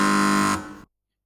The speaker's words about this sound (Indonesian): Sebelum kita mulai babak rebutan, masing-masing regu untuk menekan belnya. Dimulai dari Regu A. Regu B. Regu C. Dan Regu D.